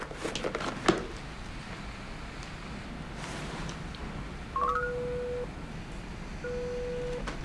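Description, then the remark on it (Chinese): A quick run of short electronic phone-dialing beeps at stepping pitches, followed by two long, steady low ringing tones, over a quiet hiss with no voices. “要不然我给他打一个吧。”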